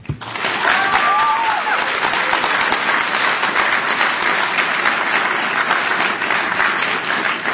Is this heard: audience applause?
yes